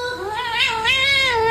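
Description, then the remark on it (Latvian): A cat answers being called with one long, drawn-out yowling meow, its pitch wavering and rising slightly in the middle, loud and sustained with no pauses and no people speaking. “Es tur nedzirdēju, es dzirdēju, ka sauc kaķi un kaķis vienkārši kaut ko atbrēd pretī.”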